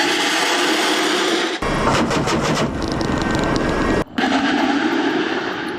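During night live-fire training over the sea, a lead helicopter fires rockets and missiles at floating targets. There is a loud, continuous roaring rush, with rapid crackling bursts in the middle and abrupt cuts between launches. No voices are present.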